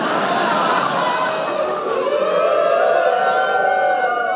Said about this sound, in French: 8h, mon réveil sonne.